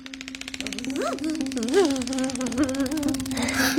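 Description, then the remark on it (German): A steady, low buzzing drone hums throughout, like a very large bumblebee flying in a bedroom, with a few rising and falling vocal sounds briefly layered over it. “Da fliegt eine... Eine Fliege? Nein, eine riesengroße Hummel oder eher eine dicke Fee.”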